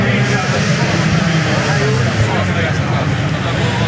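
An M-Sport Ford Puma Rally1 rally car driven by Martin Sesks roars steadily and loudly as it approaches the finish, a dense, rumbling growl that stays strong throughout, with no breaks in the noise.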